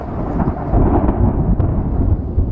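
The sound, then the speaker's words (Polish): Low, heavy thunder rumbles on from a distant storm, with lightning striking the far shore, a broad continuous roll with a faint hiss of rain in the background and no voices. “Tak, i odgłosy burzy.”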